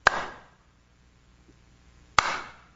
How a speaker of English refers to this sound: I'm going to turn my back so she can't see you, and you make a loud noise. Clap your hands. Just try it. Now.